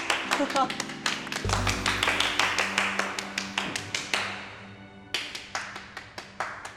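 A crowd claps in a steady, even rhythm to welcome the bride's entrance at an evening event, the sharp beats holding strong over low sustained tones, briefly thinning around the fifth second before picking back up.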